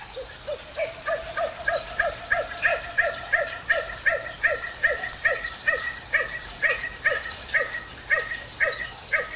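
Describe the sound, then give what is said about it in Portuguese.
A nocturnal bird gives a long, steady series of short, dog-like barking notes, roughly two per second, fairly clear, with no talking and only a faint background hiss. “Já foi surpreendida ou surpreendido com esta outra voz que parece um latido?”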